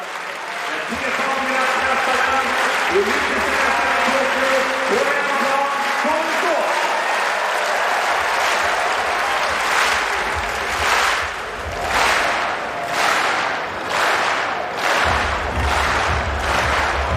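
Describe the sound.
A large stadium crowd at a men's discus final roars, then settles into loud, steady rhythmic clapping for the home thrower Sall, evenly spaced beats swelling in the second half. A voice is heard over the crowd early on.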